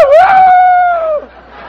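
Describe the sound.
A man imitates a rooster crowing: one loud, drawn-out, steady-pitched vocal call lasting just over a second, rising briefly at the start and breaking off abruptly into quiet.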